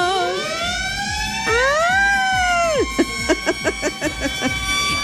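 A loud siren sound effect sweeps up and down in long wails, then switches to rapid, pulsing yelps, with a steady thumping beat running underneath.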